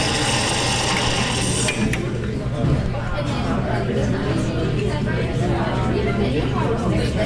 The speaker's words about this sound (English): Stopping in at the Classical King Cafe now, as you can hear there with the espresso machine.